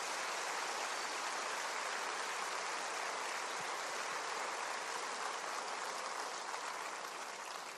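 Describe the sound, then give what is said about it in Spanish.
An audience applauds God the Father in a steady, dense wash of clapping that holds at an even level for several seconds without letting up, with no voices heard over it. “Demos un fuerte aplauso a Dios nuestro Padre por el amor tan grande que nos tiene.”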